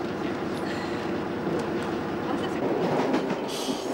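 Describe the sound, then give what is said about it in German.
An old train of the Corsican railway, running with old carriages, rumbles along steadily, a dense, continuous low roar of wheels and carriages with rattling and faint squeals, loud throughout with no talking. “Der Zug, den wir uns im Fahrplan aussuchten, fährt mit alten Wagen.”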